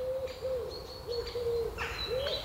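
A series of soft, hooting bird calls repeats steadily, with faint higher chirps layered above and a low background rumble underneath.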